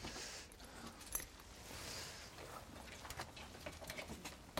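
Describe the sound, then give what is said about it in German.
Keys jingle and clink in a few quick bursts, fairly soft, as the keys are handed over, amid quiet background rustling with no one speaking. “Ja, geben Sie mir mal den Schlüssel, bitte.”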